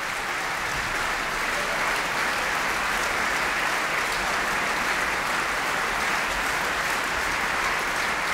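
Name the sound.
opera audience applause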